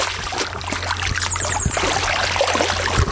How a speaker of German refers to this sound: ich höre das doch schon wieder plätschern. Bist du immer noch im Wasser?